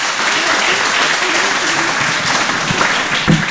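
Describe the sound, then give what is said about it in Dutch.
A crowd applauds steadily for several seconds, the dense crackle of many hands clapping at an even, loud level, with a faint voice briefly surfacing near the end. “Nou, wij hier een ja, applaus.”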